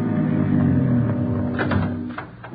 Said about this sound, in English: the rear of the lot, let himself in, and closed the door quickly behind him.